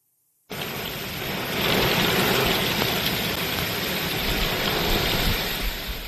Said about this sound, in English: This video from Marietta, Georgia on Sunday. Heavy rain moving through. You know what you say about the South. When the skies open up, they open up. And the rain came down this past weekend across Georgia.